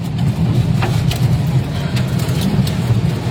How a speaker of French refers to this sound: De la pluie, de la grêle, du vent fort. Je pense qu'on peut écouter le bruit de la tornade. Impressionnant.